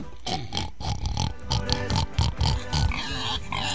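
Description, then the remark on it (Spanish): A pig oinks and grunts in a quick, uneven run of short snorting bursts, fairly loud, with no talking over it. “Más un chancho.”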